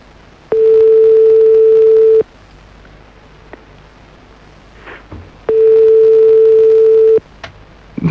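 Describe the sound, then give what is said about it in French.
A telephone ringback tone sounds twice while calling a woman back, each a steady, mid-pitched beep lasting under two seconds, separated by a long quiet pause with faint clicks and background noise. “J'espère qu'elle va décrocher.”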